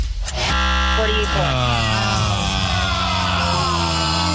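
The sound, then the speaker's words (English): A game clock buzzer ends a timed high-low money guessing game: a loud, flat, sustained electronic buzzer blares for several seconds without a break, while excited voices shout and yell over it. “$43 was the last guess we got in under the clock buzzer.”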